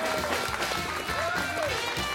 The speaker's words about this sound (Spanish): ¡Un aplauso para esa historia! ¡Al creador del festival!